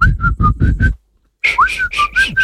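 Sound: human whistling a tune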